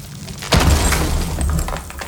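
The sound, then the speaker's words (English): A heavy thud as a wall is knocked down to make a doer-upper house open plan, followed by a loud rumble of crumbling masonry and falling debris that gradually settles. No voices. “When your husband's got his heart set on making the doer-upper open plan, enjoy every thudding second of it.”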